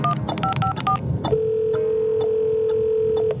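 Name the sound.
telephone keypad dialing tones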